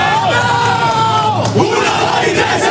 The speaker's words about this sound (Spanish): El grito de guerra que sigue a la charla de Azpilicueta, que aunque no juegue es el que les estaba diciendo más unidos que nunca el objetivo de la temporada.